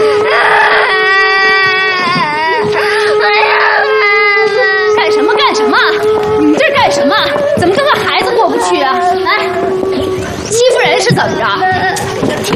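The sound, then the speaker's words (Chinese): A child cries and sobs loudly for her father in rising, wavering wails with broken gasps, while adult voices talk over and around the crying, and a steady low tone hums underneath. “你哭了，你咋？”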